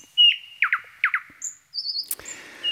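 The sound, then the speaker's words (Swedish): A nightingale sings clear: a drawn-out whistled note, a quick series of repeated liquid chirps, then high piping notes and a rough, rattling trill, with no voices. “Ja, de tekniska förutsättningarna har förändrats en smula, men näktergalssången är densamma.”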